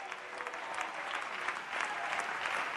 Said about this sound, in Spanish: Alguien dele un aplauso al Rey de la Gloria.